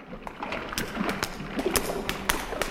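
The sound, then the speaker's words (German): Door handles of locked doors in a corridor being tried and rattled, a string of sharp clicks and clunks at an uneven pace over a faint background hiss, with no talking. “Die erste Tür ist schon mal verschlossen. Die zweite auch.”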